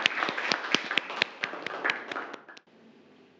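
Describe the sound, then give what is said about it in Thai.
Students in a classroom clap together for about two and a half seconds for two classmates who answered a question, the sharp overlapping hand slaps lively, then the clapping stops abruptly, leaving quiet room tone. “เอาปรบมือให้สองคนนะครับ”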